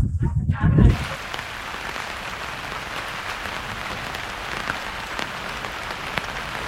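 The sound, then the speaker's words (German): Steady rain falls in a dense, even hiss of drops spattering on a surface, continuous, after a brief low rumble of voices at the very start. “Heute regnet es und dieses Wetter scheint nicht allen Leuten so gut zu bekommen”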